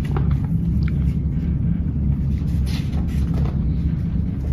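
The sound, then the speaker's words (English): A steady, heavy rumble of a freight train rolling by, with three-level rack cars carrying new automobiles, a continuous low roar and faint metallic clanks and rattles running through the whole stretch, no voices. “The train moves on again. Three-level rack cars roll by carrying shiny new cars.”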